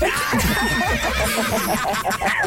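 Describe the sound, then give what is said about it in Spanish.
A horse whinnies loudly, a shrill, quavering neigh that wavers in pitch and fills the whole moment before trailing off. “Ya decía yo, ¿cuáles caballos?”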